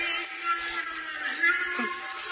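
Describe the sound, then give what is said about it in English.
Church bells from the church at Greenville, 2 miles away, ring in a steady, continuous peal, their overlapping metallic tones blending into a dense, sustained wash of sound at a fairly constant loudness, with no voices. “Bells? Of course I do. From the church at Greenville, 2 miles away. But why are they ringing?”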